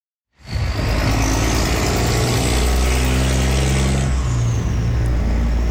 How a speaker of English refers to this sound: That's what it sounds like now on the Huron Church corridor. Trucks on their way to and from the 97-year-old Ambassador Bridge.